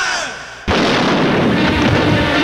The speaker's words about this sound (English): You're right, that was a gunshot you heard. It's a scene from our new picture, The Man Who Knew Too Much.